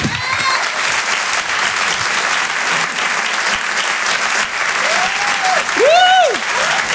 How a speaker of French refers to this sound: Le Rire et chanson Comedy Club. Merci d'applaudir très fort, s'il vous plaît,